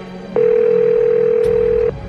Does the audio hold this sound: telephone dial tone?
yes